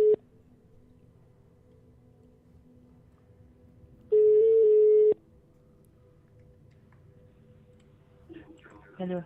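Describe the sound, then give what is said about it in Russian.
A phone line's ringing tone of a call placed in reply to a classified advertisement: a steady, mid-pitched electronic beep lasting about a second, following a brief clipped tone at the start, with a long quiet pause between them and faint voices near the end. “Ты уже звонишь?”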